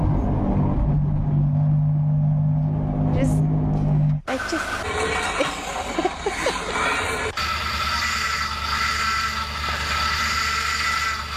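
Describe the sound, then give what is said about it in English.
A montage of engines from old, cheap problem cars the speakers once owned, three loud recordings spliced together with abrupt cuts: a steady low idle, then a rougher revving engine with rattles, then another droning motor. “There's a bit of montage of all these rubbish cars that we've ever owned, probably one of our very first cars that we've ever owned, a cheap car, problem car.”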